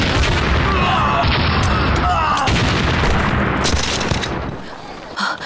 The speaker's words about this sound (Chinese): 爆炸了！